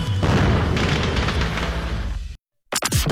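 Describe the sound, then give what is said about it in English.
A loud fireworks explosion in a radio advert for AC Fireworks, Highway 45 in Burnhamwood, roars and rumbles for about two seconds, then cuts off abruptly into silence before a second short, crackling burst starts. No one speaks. “Shop now while the fireworks inventory is huge.”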